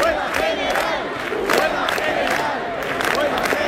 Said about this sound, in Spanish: Hoy termina el plazo dado por la comunidad y el ayuntamiento para desalojar la Puerta del Sol, que una noche más está abarrotada de gente protestando por la crisis de la vivienda.